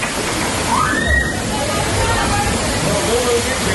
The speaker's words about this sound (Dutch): Het regende zo hard dat een beek in de buurt overstroomde. Het water stroomde in rap tempo de feestlocatie op en mensen stonden tot hun knieën en hoger in het water.